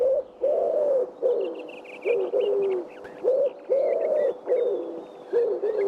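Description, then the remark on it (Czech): A pigeon coos over and over in a steady rhythm of soft, low, rolling calls, with faint higher bird chirps twittering in the background. “Zavrká a víme. Tak to pojďte říct všichni najednou. Je to 3, 2, 1, holub.”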